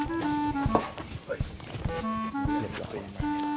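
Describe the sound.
Irregular hoof clops from a horse sound under steady background music and a person talking, with a few louder thuds scattered through the short stretch, during horse-riding practice with an expert instructor.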